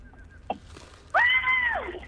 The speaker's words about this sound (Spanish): El grito llegó tarde, hay que decirlo, pero yo también me quedé congelada.